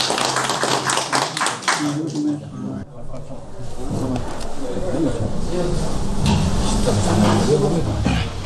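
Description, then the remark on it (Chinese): A burst of scattered hand clapping from a small group of experts at a meeting on excavating and preserving ivory opens the scene, sharp, before giving way to busy background voices and noise. “可以， 可以，咱们就鼓掌吧。”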